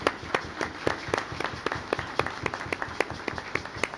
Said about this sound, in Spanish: Den un aplauso en este día del diácono, ¿sí?